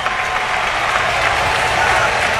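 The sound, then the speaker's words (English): A baseball stadium crowd cheers in a steady, loud roar, with clapping and a wash of voices blending together for the whole stretch, never dipping or pausing, as William Contreras comes up to bat. “Crowd making noise.”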